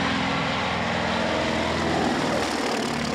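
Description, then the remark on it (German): A steady, loud drone of the propeller engines of the Tante Jo aircraft, a continuous throbbing roar with rhythmic low pulsing and broad hiss, unbroken, with no voices. “Der Sound, die Motoren, das Fliegen in niedriger Höhe natürlich auch, der Ausblick.”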